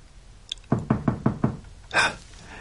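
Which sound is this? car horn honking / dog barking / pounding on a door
pounding on a door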